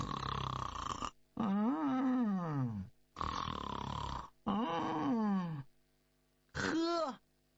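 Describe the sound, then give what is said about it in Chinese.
A voice imitates snoring in five loud bursts, alternating rasping inhales with whistling, wavering exhales, each separated by a brief pause, portraying Wei Zheng dozing off slumped on a table while playing chess with the emperor. No words are spoken. “迷迷糊糊他就趴到桌子上头，不大一会儿小呼噜打起来了。”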